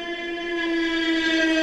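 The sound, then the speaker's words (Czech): A drone flying overhead, demonstrated by the firm Neuron Soundware, gives a steady, high-pitched buzzing whine with a strong tonal hum and bright overtones, holding one pitch and growing slightly louder over a second and a half, with no voices. “Takové zvuky nechcete, abyste slyšeli, že vám to letí nad hlavou, to je přahý dron.”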